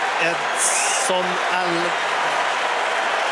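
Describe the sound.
A stadium crowd at a Mexico versus South Africa football match cheers and applauds Mexico's Edson Alvarez as he comes on as a substitute for his 99th international, in a steady, dense roar, with a brief high whistle early on and a few voices calling out over the continuous clapping.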